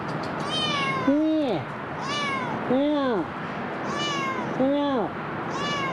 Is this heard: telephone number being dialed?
no